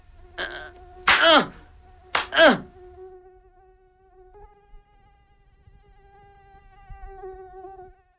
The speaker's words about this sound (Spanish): Morelia me envía un tropel de mosquitos furiosos. Sosiego falso de esta noche cargada de mosquitos. Atentado nocturno contra el sueño del indeseado. Los mosquitos son los agentes secretos de una ciudad.